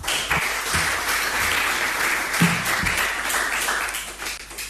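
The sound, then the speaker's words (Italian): An audience at an event in the Italian Senate applauds steadily as the president of the Associazione Nazionale Giovani Innovatori, Gabriele Ferrieri, is invited to the podium: a dense wash of many hands clapping at even loudness throughout, tapering slightly at the very end. No one speaks over it. “Continuiamo con i nostri saluti istituzionali e vorrei invitare sul podio il presidente Associazione Nazionale Giovani Innovatori, Gabriele Ferrieri, con un forte applauso.”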